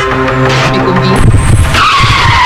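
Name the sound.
car tires skidding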